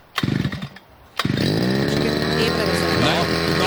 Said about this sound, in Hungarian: Figyelj, beindítja a videót, vett arra, hogy kell beindítani a fűkaszát, megőrülsz. Fűkasza próbavágás. Figyelj. Na, fél berántja.